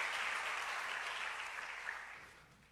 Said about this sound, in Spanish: Un aplauso para este varón que me ayudó también.